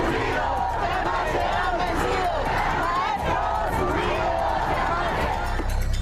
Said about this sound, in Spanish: La marcha avanzó a paso lento sobre ambos carriles de Venustiano Carranza, mientras los profesores con pancartas en mano y gritando consignas exigieron ser escuchados.